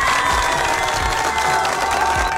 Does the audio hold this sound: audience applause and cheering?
yes